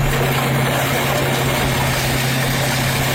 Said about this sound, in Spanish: Sí, suena el momento en el que la excavadora pasa por encima de estas motos que están apiladas y tumbadas como fichas de dominó.